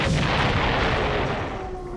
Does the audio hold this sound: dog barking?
no